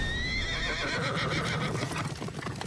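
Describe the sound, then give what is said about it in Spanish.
A horse whinnies with a high, wavering cry, followed by a steady rhythm of hooves clopping, loud, with no voices. “Caballos.”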